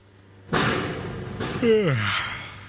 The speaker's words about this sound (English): Rise and shine, East Harlem. Sure is loud. This stretch of 2nd Avenue is one big construction site.